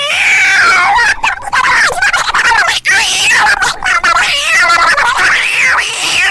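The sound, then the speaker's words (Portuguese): A voice imitates a cat fighting with a dog, letting out loud, continuous yowling and caterwauling with wavering, rising and falling wails for several seconds, intense, with brief breaks. “Você já viu aquele vídeo do cachorro, do gato brigando com o cachorro?”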